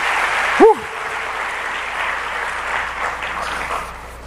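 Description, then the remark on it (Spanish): A church audience claps for the musicians steadily for about four seconds, a dense, even wash of applause that barely rises or falls, with a brief sharp whoop or whistle near the start. “No, un aplauso para los muchachos, lo hicieron muy bien, qué bien.”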